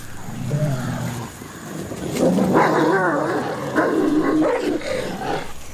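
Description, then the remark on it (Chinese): A wolf pack snarls, growls and yelps at one another in a rough, overlapping squabble after catching prey, with rising and falling whines and sharp yips over a steady rumble of background noise. “不过捕捉到猎物之后，争端又再次开启。”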